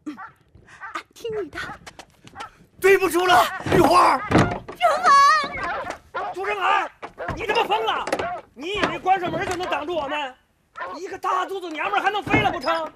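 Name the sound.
door being shut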